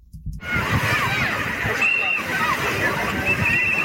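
Steady sloshing and splashing of sea water fills the scene, fairly loud, with children's shouts and chatter mixed in throughout, as hundreds of children aged 6 to 16 take swimming lessons at the Karara beachfront in the southern Gaza Strip.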